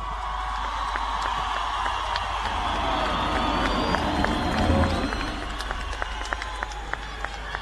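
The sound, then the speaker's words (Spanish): A crowd applauds steadily for a performer coming onto the stage, a dense wash of many hands clapping with scattered sharp claps and faint cheers rising in the middle before the clapping eases slightly. “A ver cómo lo aplaudirían si entra por ese lugar”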